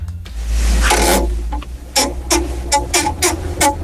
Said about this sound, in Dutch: En opeens begint die home trainer toch een geluid te maken. Ik ga jullie het even laten horen. Het is niet best.